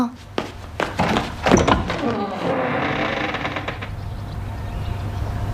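A door is opened: a few solid thunks and latch clatter, followed by a drawn-out scraping creak that fades over a couple of seconds against a low steady hum.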